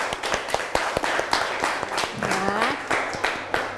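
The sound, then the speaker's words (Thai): A group of classmates in a class claps for a classmate who answered a question, an uneven, scattered burst of sharp claps lasting several seconds, with a brief voice rising over the applause partway through. “นะปรบมือเพื่อนหน่อยค่ะ”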